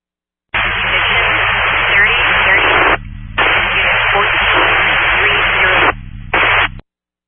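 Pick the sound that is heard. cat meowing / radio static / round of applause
radio static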